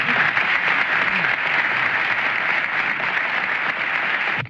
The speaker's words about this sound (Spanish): Sus amigos del conjunto en esta noche le entregan una canción en homenaje a él. Para ustedes, para ellos pido un voto de aplauso. El conjunto de Chacabuco.